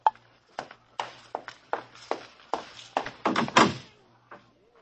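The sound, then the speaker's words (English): A door signal sounds as an irregular run of about a dozen sharp, knocking thuds, speeding up and bunching together near the end before a faint final tap. No one speaks. “Oh, there's my door signal.”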